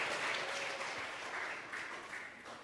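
Steady applause from an audience welcoming a guest lecturer at an event, many hands clapping together in a dense, continuous patter that stays fairly even and moderately loud for a few seconds.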